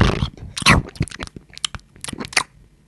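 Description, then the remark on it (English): A voice imitates the loud, wet crunching and chewing of a horse eating a pigeon, a quick run of sharp, gritty bursts with short gaps, trailing off after about three seconds. “It was a pigeon, and then the horse just goes...”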